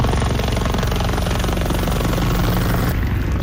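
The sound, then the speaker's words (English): A helicopter roars overhead while dropping thousands of liters of water over wildfire flames in eastern Spain, its rotor thumping in a fast, steady rhythm beneath a dense wash of engine and rushing air noise that stays loud throughout, with no voices. “A helicopter drops thousands of liters of water over flames in eastern Spain.”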